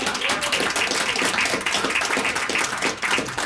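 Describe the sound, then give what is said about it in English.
A crowd applauds steadily for a few seconds in a round of applause for Bob Moffat, a dense, even wash of many hands clapping at once, fairly loud throughout, with a faint voice briefly audible underneath. “Yeah, round of applause for Bob.”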